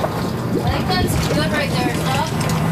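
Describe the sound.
A boat engine runs steadily to flush its systems while the boat sits in a tank of water heated above 40 degrees at a mussel inspection station at Dunmore near Medicine Hat, with a low, continuous hum and churning water noise, loud throughout, while indistinct voices murmur over it.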